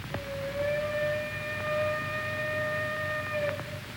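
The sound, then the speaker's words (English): A single long train whistle blast at a station holds one steady, bright tone for about three and a half seconds over a low background rumble, then cuts off. “Was that your train?”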